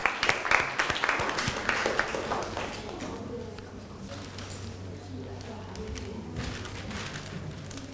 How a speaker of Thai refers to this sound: ต่อมาค่ะนักเรียนตัวแทนกลุ่มที่2นะคะที่จะมานำเสนอในวันนี้พร้อมไหมคะกับหัวข้อระบบประสาทที่มีผลต่อพัฒนาการค่ะขอเสียงปรบมือให้ตัวแทนกลุ่มที่2หน่อยค่ะ